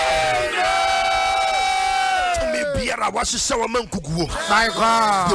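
A church audience shouts a loud, sustained amen in response to a preacher's prayer, many voices holding the note together for a couple of seconds before breaking into choppier overlapping shouts and cries.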